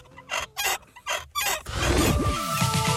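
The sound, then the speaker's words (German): A nodding dachshund toy (Wackeldackel) from the 1970s or 80s, kept over 25 years in a cellar, squeaks at its rusty neck: four short, shrill creaks in a rhythmic pattern, then a longer, louder grinding squeal with pitch sliding up and down. “Also über 25 Jahre im Keller, da kann schon mal etwas verrostet quietschen im Genick.”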